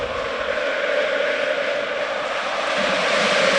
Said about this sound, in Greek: Ακούτε τον ήχο του θριαμβού. Το χειροκρότημα της επιτυχίας. Την αναγνώριση για το γεγονός ότι αυτή η ομάδα τα έδωσε όλα μέσα στο γήπεδο. Υπέροχες εικόνες. Μπροστά στη κερκίδα των οργανωμένων, στο πέταλο. όλο το γήπεδο, 30.000 κόσμος.